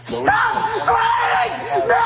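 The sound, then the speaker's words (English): A man being pepper-sprayed screams at a police officer loudly and continuously for about two seconds, his raw, strained voice rising and wavering with a steady low hum underneath. “So all I have to do is stop screaming and we're done.”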